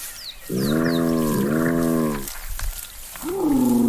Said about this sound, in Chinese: 在动物世界中，斑鬣狗的形象并不好。它们长相丑陋，步态笨拙，就连叫声也有些古怪。